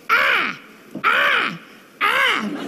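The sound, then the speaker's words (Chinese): A voice mimics a crow with three drawn-out, nasal caws, evenly spaced about a second apart, each one loud with a falling, hoarse tone, as a sound effect for a little cartoon crow flying across the sky during an awkward silence. “哎，这时候呢，配着小动画，知道吗？天上飞一小乌鸦。”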